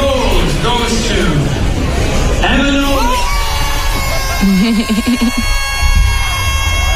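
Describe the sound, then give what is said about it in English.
A loud, dense crowd at an awards event erupts in cheering and high-pitched screaming as a winner is announced, with overlapping yells and whoops sustained throughout, energetic. “screaming into oblivion”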